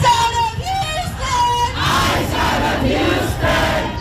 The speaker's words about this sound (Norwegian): Ut av Houston og Texas roper demonstrantene, som har samlet seg i protest etter at Lorenzo Salgado Araujo ble skutt og drept av en ICE-betjent forrige uke.